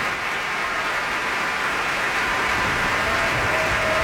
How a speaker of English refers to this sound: And while the applause for the Cleveland Orchestra continued for several more minutes with great appreciation for their performance of the Verdi Requiem, we are bringing the first half of this program to a close.